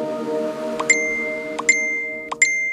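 A mobile phone notification ping sounds three times at an even pace, each a bright chime with a short attack that rings on, heard clearly over a soft, steady hum.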